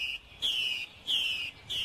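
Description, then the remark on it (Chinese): Clear, whistled courtship song of a Chinese hwamei recorded in a mountain forest, in repeated descending phrases, three bright notes about half a second each with short gaps, against a quiet, faintly hissy outdoor background with no talking. “This is 山林中采录的画眉鸟的求偶声。”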